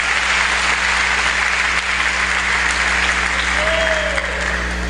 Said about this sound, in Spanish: Dele fuerte el aplauso a Dios.